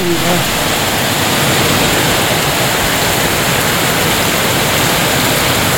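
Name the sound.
rain falling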